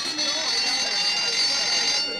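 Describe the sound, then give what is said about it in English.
A school bell, the second bell, rings loudly and without a break, a steady high-pitched metallic clang that holds for about two seconds, with faint voices murmuring underneath. “That was the second bell.”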